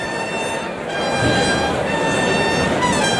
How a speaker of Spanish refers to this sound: Los clarines suenan en la maestranza.